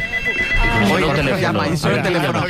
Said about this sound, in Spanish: Teléfono.